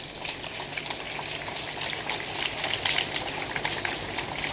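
A crowd applauds to welcome the crew of Lokas Hope in the Faroe Islands, many hands clapping in a dense, continuous patter that holds an even level for several seconds with a slight swell partway through and no voices on top.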